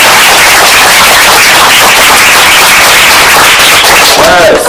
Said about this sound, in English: The answer is C, 16. 16! A round of applause.